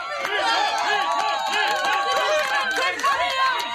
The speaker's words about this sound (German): Dann setzte die Menschenmenge zum Beifall an. Jubel, Ruhm, Anerkennung.